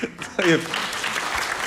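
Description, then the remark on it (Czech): Audience applause breaks out as dense, steady clapping of many hands, fairly loud and sustained, with a short voiced exclamation heard near the start. “To není na potlesk.”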